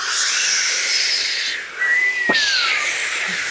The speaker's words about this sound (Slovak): Sme znova na lodi. More, výchrica.